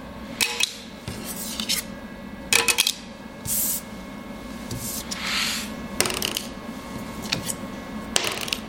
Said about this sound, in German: Probieren wir mal aus. Der scheppert. Und warum scheppert der? Der scheppert deshalb, weil hier reines Polycarbonat vorliegt.